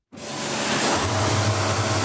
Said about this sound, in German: Der 59-Jährige ist gerade mit einem speziellen Hochdruckreiniger dran, den Rumpf von einem Motorboot abzuspritzen. Das Wasser muss vorher auf bis zu 60 Grad aufgeheizt werden.